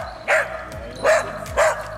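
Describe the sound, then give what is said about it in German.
Three sharp barks from Daisy, a female dog of the rescue dog squad at the fire and rescue station in Wattenscheid that searches for missing persons. The barks come at an even pace, each a short loud burst, with quiet background between them and no talking. “Darf ich vorstellen, das hier ist Daisy?”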